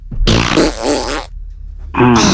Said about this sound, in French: Ah, j'aime quand je pète.